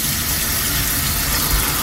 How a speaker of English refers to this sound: And then I finally get downstairs having breakfast, and Sue wants to wash some dishes up and turns the tap on.